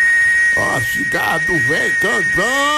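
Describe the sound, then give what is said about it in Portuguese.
A cicada sings in the sertão in a steady, shrill, high-pitched drone that runs unbroken through the whole stretch, with wavering voice-like warbling sounds rising and falling over it in the foreground. “Ó a cigarra do véio cantando.”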